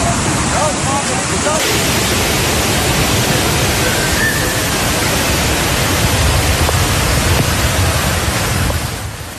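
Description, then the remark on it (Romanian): A steady, loud roar of rushing floodwater after torrential rain fills the whole recording, dense and churning without pause, with faint voices buried beneath the torrent. “Ploile torențiale au inundat drumuri, pasaje subterane, stații de metrou, au blocat vehicule în trafic și au provocat 15 alunecări de teren în mai multe cartiere.”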